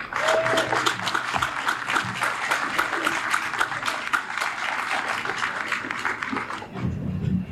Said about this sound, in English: Can you give another round of applause to Andy? Thank you for your service.